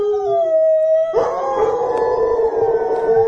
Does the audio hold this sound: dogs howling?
yes